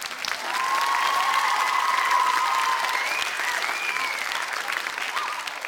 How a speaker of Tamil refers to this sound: கரெக்டா சொன்ன உங்க எல்லாருக்கும் இந்தாங்க பிடிங்க பலத்த கைத்தட்டல்.